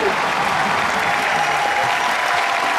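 A large audience claps steadily for a few seconds for performers on a stage, a dense, even wash of applause at constant loudness with no pauses or voices standing out.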